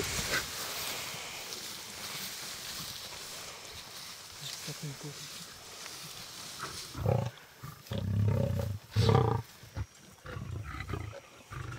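lions growling

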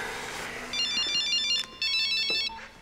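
mobile phone ringtone

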